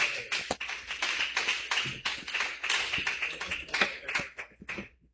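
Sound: audience clapping hands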